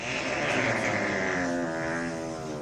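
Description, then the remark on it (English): A long, sustained birthday fart with a steady, buzzy low rumble and rich overtones, holding loudly for a couple of seconds before easing slightly, with no talking over it. “Let me see if this is a birthday fart.”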